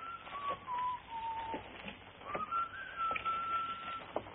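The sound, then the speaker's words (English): A man walking up a sidewalk whistles a tune, with long gliding notes that rise and fall in a steady melody. It is clear, with soft background noise and no talking. “That guy will be whistling another tune in a minute.”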